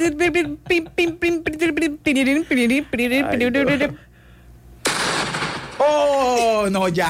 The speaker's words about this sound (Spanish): Ya, con explosión y todo. No, ya. Mi maquinita. Ay, no, se explotó.